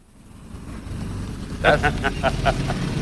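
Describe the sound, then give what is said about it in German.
A low engine rumble grows steadily louder, like a car approaching and passing by, with a series of short, rhythmic vocal-sounding bursts riding over it in the second half. The car is the one Harpe Kerkeling promised. “Das ist übrigens das Auto, das mir Harpe Kerkeling versprochen hat.”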